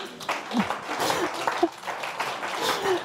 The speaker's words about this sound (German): nochmal einen Applaus für deinen Frosch.